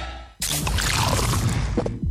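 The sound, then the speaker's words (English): A 500ml Castle Light beer can cracks open with a sharp hiss, followed by a steady, loud fizzing pour of liquid that runs for nearly two seconds before tapering off. No one speaks. “That is the sound of the new 500ml Castle Light can.”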